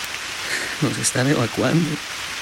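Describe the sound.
Steady heavy rain makes a continuous, even hiss throughout, with a person speaking briefly over it in the middle.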